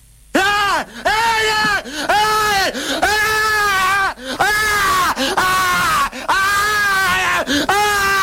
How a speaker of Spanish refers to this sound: Este flaco está mal de la cabeza. O sea, está mal, no puede gritar así.